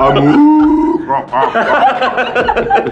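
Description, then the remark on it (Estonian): A person mimics the call of an imagined cow-frog hybrid animal, starting with a loud, drawn-out, moo-like low tone that breaks into rough, croaky grunts and chuckling sounds. “No näiteks, ma ei tea, lehmkonn.”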